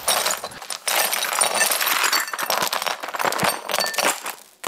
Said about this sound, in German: Aber irgendwie mag ich das Geräusch auch. Wie die Scherben so klimpern.